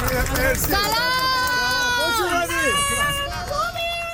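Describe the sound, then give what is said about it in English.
A small crowd of supporters cheers and chants to welcome Iran's national soccer team outside the airport in Tijuana, Mexico, early in the morning, several voices shouting in loud, sustained, rising and falling tones over a steady bed of background hubbub. “The team was welcomed by a handful of cheering supporters outside the airport early this morning.”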